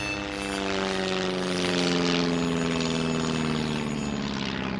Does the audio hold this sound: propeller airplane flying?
yes